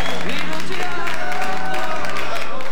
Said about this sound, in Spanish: Che, fuerte los aplausos